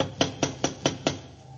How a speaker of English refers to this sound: They don't seem to answer, do they? Try knocking again.